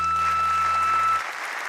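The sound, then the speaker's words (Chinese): A dense, steady wash of audience applause after two songs are performed fills the short clip, with a faint hum underneath that cuts out partway through while the clapping carries on. “谢谢，感谢大家，感谢大家掌声。”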